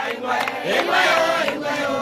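A crowd of local villagers in a small, remote and extremely poor West African community, in 2017, singing together outdoors, many loud voices blending into a sustained, rising chorus that carries on steadily with no pauses.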